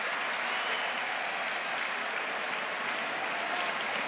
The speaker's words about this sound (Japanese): 大歓声、そして向こう正面側では白地に赤のタオルが揺れています。熱海富士のタオル。